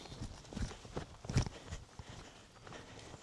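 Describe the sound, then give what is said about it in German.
Hooves of a cow and calf trotting over the ground as the herd is driven to a new pasture, a quick run of soft, irregular thuds, with two heavier steps standing out amid outdoor background noise. “Kuh und Kalb nehmen Fahrt auf.”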